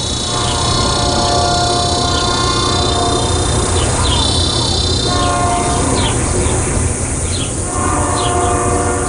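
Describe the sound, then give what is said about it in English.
A train rumbles past a house not far from the tracks in summer, loud and continuous for the whole stretch, with a high, steady drone of cicadas layered above and occasional tonal squeals of its horns cutting through. “I'm deafened by the train's timpani searing through every crevice in this house.”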